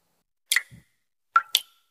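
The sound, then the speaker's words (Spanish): A dripping shower: three sharp, bright water drops land in the quiet, one with a soft low plop after it, the last two falling close together. No one speaks. “¿Y eso qué se oye? Ah, eso. Nada, que me gotea la ducha.”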